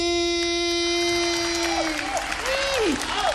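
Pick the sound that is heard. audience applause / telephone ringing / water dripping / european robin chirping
audience applause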